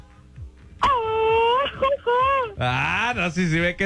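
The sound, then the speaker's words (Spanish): A hoarse man, a contest winner on the phone, lets out a long, loud, strained celebratory yell, breaking briefly before a second raspy, wavering shout follows, forceful with no other sounds around it. “Avéntate un cuaco. Un buen gritito.”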